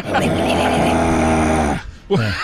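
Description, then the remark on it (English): A voice imitates a harsh black metal growl, a sustained, rough, buzzing grunt for nearly two seconds, then a brief pause and a second short guttural burst that trails off lower. “It's the grunting.”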